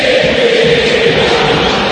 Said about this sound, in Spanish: Grito histórico en el Monumental.